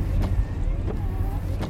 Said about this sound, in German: Sie haben angehalten. Der Wagen steht am Waldrand. Der Wagen hatte angehalten.